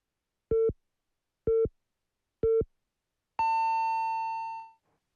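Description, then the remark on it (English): Radio time signal beeps marking 12 o'clock: three short, evenly spaced mid-pitched pips one second apart, followed by a longer, higher tone that holds for over a second and then fades. No voices. “The time is now 12 o'clock.”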